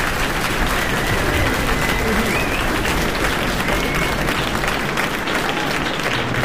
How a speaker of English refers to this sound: That's okay. You can applaud too.